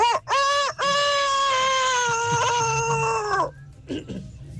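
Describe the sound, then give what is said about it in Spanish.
A person does a loud imitation of a rooster crowing: a couple of short opening bursts, then one long, drawn-out call lasting about three seconds before trailing off into quiet murmurs. “Mi talento oculto es cantar como un gallo vasto.”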